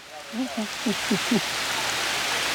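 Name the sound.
heavy rain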